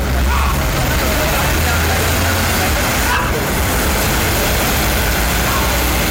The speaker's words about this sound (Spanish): Miren, los carros siguen de necio pasando ahí, la gente también, bo.